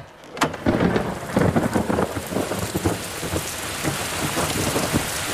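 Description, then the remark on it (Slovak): Steady, dense rain pours down on the shore of a lake, a constant hiss with heavier splashes, while a low rumble of thunder rolls underneath. No one speaks. “Keď zastavili na brehu jazera, pri ktorom plánovali stanovať, vybehla z auta a zostala chvíľu stáť na daždi.”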